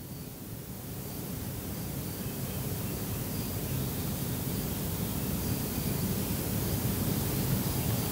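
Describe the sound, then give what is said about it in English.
Coniferous plantation ambience: a steady, even hiss of wind through the trees that builds slightly and holds, with no birdsong and no voices breaking the constant wash. “So everybody that's listening, please remember all that lack of bird sound, because it's going to change dramatically in the next hour and a half.”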